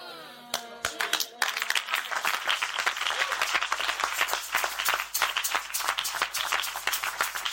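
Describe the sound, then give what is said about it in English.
A crowd at a sermon bursts into steady applause, many hands clapping densely and continuously at an even level, with a few sharp claps standing out at the start and no talking over it. “If I'm preaching in Canada, they'll clap better.”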